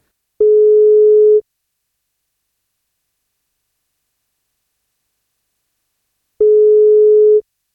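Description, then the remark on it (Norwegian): A telephone ringback tone while a birthday call is placed to a man turning 40: two steady one-second electronic tones separated by about five seconds of silence, clear and fairly loud, with no voices. “men da må han svare på telefon først.”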